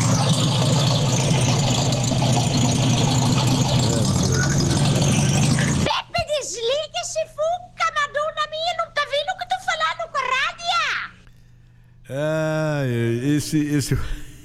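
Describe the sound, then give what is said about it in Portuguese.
A rough, rumbling engine of an old Volkswagen Beetle (Fusca) idles steadily for about six seconds, noisy and loud, then cuts off as people start talking over a faint low hum. “Esse Fusca tá velho, hein?”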